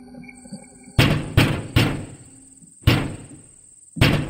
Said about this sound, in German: Das Ziel lag nahe, so dass sie nach wenigen Minuten bereits vor der Tür Emidio standen und laut und vernehmlich klopften.